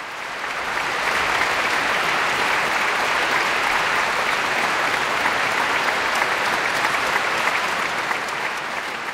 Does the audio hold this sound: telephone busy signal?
no